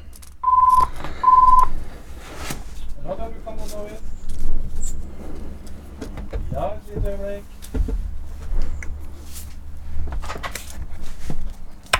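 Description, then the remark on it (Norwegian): A phone line rings with two short electronic tones near the start, heard as if through a handset, followed by a steady low rumble and faint, indistinct background sounds. “Og der ringer det.”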